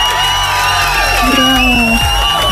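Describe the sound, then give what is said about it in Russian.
An applause-and-cheering sound effect played on Europa Plus radio for a listener who guessed correctly: a loud crowd cheers with rising whoops and shouts over a dense, steady wash of noise that stays at a constant level for the whole clip. “Я тебе поздравляю, тебе аплодисменты для тебя.”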